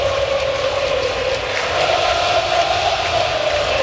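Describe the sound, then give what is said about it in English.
A stadium crowd at a Yankees postseason baseball game cheers joyously as the Yankees lead 9-0, in a continuous, dense roar that holds at a steady, fairly loud level for the whole few seconds, with no voices speaking over it. “Well, the crowd certainly joyous right now as the Yankees lead 9-0.”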